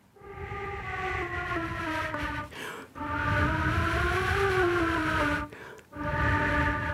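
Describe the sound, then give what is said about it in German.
A flute softly imitates wind with long, steady breathy notes that slide gently up and down in pitch, played as three sustained phrases separated by brief pauses, with no talking. “Ich kann leise Geräusche machen, Windgeräusche.”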